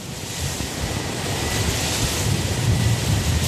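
Steady wind rushes continuously across flat open land of fields, hills and vineyards near Höflein, Lower Austria, in the eastern Vienna Basin on a hot, windy day, with a broad low rumble and a soft whirring hiss of turning wind turbine blades underneath. No voices are heard.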